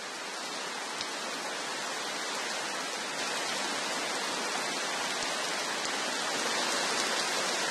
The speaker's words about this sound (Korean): 이렇게 엄청난 양의 비는 수많은 개울에 생기를 불어넣으며 흘러가 결국 큰 강으로 모입니다.